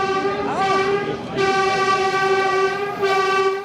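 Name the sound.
S-Bahn commuter train passing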